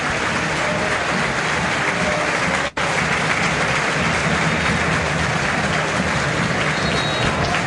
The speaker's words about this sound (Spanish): Escuchen a la bombonera, la primera gran ovación desde que llegó a Boca para Velasco.